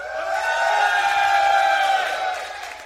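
A large outdoor crowd on the meadows and at the cinemas cheers and shouts together in a sustained, loud roar that swells and then slowly fades over about three seconds, with whoops rising out of the mass of voices.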